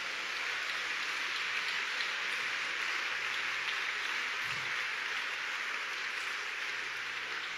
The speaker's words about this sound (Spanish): Dele un aplauso a Él.